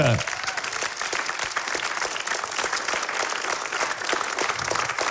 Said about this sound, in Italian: perché sta per debuttare per la prima volta qui sul palcoscenico di Ottovolante un comico, tra l'altro uno dei tre comici stranieri d'Italia. Lo accogliamo con un applauso? Lo accogliamo con un applauso.